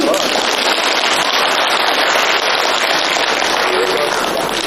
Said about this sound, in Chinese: 感谢您雷鸣般的掌声。